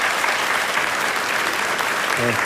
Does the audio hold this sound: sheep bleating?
no